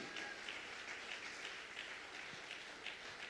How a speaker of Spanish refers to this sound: Fuerte el aplauso al Espíritu de Dios. ¡Aleluya!